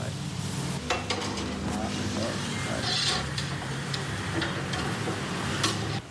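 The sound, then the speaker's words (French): Squid and shrimp sizzle and crackle steadily over hot, live embers in Bali, coconut oil dripping onto the embers and raising some flames; a dense hiss sprinkled with sharp pops and ticks, with faint murmuring voices and a low hum in the background. “Voilà, et les autres aussi, les calmars, les crevettes, sont maintenant à la braise qui est vive.”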